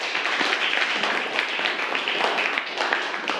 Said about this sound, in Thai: ปรบมือเพื่อนหน่อยครับนักเรียน